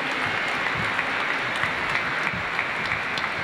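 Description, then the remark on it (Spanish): Loud, sustained applause from an audience, a dense steady wash of many hands clapping with no voices standing out. “Les recibimos con un fuerte aplauso y nos van a animar en este momento.”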